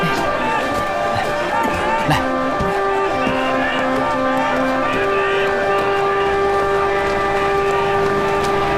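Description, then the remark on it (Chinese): A steamship whistle blows in long, steady tones that shift pitch partway through and then hold, at the port of Yingkou as passengers arrive to board the ship, over a busy backdrop of crowd murmur and rumbling activity. “哎呀， 是轮船的汽笛，哎呦，到了，真的到了！”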